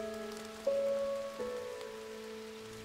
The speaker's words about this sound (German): Ein Regentag an einem Waldsee. Etliche solcher Teiche findet man im Reinhardswald und alle sind von Menschenhand angelegt.